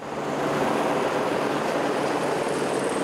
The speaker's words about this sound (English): A helicopter drops reinforced pipe to the access tunnel for the Chilime hydro plant. The pilot struggles against the wind.